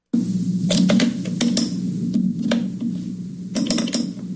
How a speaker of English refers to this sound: It's a little difficult to tell. Is this a computer mouse? Yeah, it's a computer mouse. That's exactly what that is.